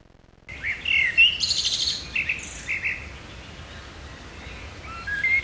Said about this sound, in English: they are recording birdsong on their phones and using AI to work out exactly